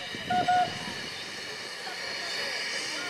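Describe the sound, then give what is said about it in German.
A narrow-gauge steam train runs at Hoogfontein, the departure station for trains on a farm: a steady broad hiss of steam with low mechanical rumble, and a brief tonal squeal near the start before the hissing continues evenly. “Hoogfontein heißt die Abfahrtsstation der Züge auf der Farm.”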